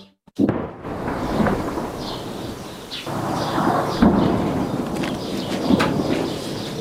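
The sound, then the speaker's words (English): Heavy explosions boom and rumble continuously at Beaufort Castle, a 900-year-old landmark in southern Lebanon, during Israeli military ground operations, with several sharp blasts breaking through a sustained low roar. No one speaks, and faint chirps may sit high above the din. “Explosions at Beaufort Castle in southern Lebanon yesterday.”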